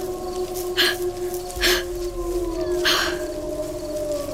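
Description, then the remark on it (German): Wolves on the hunt howl: several long, sustained howls overlap in a steady, mournful chorus, punctuated by three sharp, higher yelping cries. No one speaks. “Ich fand mich in völliger Finsternis wieder, und in dieser Dunkelheit hörte ich Wölfe heulen und aufschreien in der grässlichen Lust der Jagd.”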